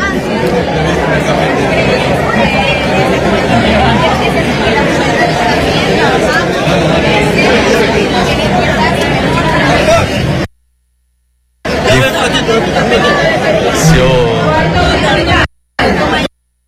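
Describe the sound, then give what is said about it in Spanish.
A dense crowd chatters at a crowded gathering in Quevedo, many overlapping voices forming a loud, steady hubbub with faint traffic underneath, broken by two abrupt silent gaps near the end. “Ahora, para aprovechar, porque la verdad es que es bastante complicadito poder caminar con tanta gente que se hace aquí presente, donde están trabajando.”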